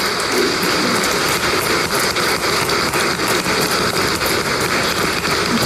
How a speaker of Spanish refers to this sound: Brindémosle un gran aplauso al patrón Santiago Apóstol.